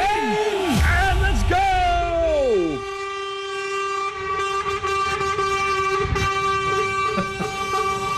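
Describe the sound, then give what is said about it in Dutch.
A loud chorus of vehicle horns blared together by drivers on a countdown cue, lasting several seconds, overlapping steady tones with a few wavering, sliding notes at the start, holding on continuously throughout. “Attentie, alle chauffeurs. Maak je klaar om flink van je te laten horen. Het toetermoment is weer aangebroken.”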